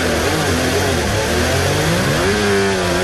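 A high-pitched Formula 1 engine in anti-stall mode, droning loudly and continuously with a rough, buzzing tone that wavers and then rises in pitch toward the end, with no voices.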